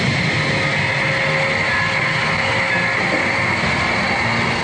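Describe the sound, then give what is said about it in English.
Submarine engines run in a steady, unbroken mechanical drone, a dense rumble layered with sustained humming tones that hold at an even, fairly loud level throughout, with no voices. “Change the killer cycles and start the engines. We are living in your submarine.”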